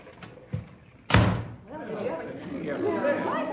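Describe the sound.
A man plows into another man and knocks him down: a collision ends in a heavy, loud crashing thud as the body hits the floor, after a lighter knock just before. Agitated voices talk over each other right afterward.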